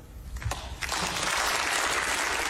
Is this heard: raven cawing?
no